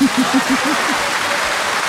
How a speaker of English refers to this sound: Chai, a round of applause for you, my darling.